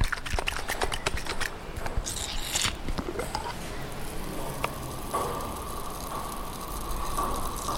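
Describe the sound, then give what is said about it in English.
A jar of fermenting ginger bug, made with ginger and maple syrup, is shaken, giving a burst of wet sloshing and rattling clicks, then settling into a soft, steady fizz with faint scattered pops. “And then here, I'll just shake it up a little bit.”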